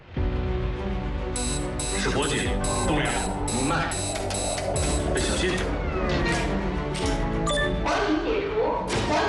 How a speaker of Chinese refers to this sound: 火警